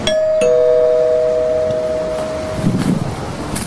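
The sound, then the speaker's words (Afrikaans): A house doorbell chimes two tones, ding then dong, each note ringing clearly and fading slowly over a few seconds against a steady outdoor background hiss. “Waar is die klokkie toch?”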